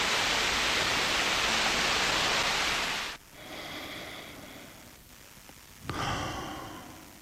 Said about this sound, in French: À l'instant, avec le bruit des vagues, bande originale d'un film assez incroyable, Rockers, qui se passe en Jamaïque